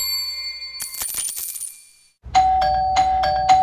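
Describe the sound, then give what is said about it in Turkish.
Bright metallic chimes ring out, then a doorbell-style ding-dong sounds several times in quick succession over a steady humming tone, loud, with no voices; doorbells ringing as parcel deliveries keep arriving. “Bir susmadı bonusluların zilleri. Ding dong ding dong, durmadan kargo geliyor.”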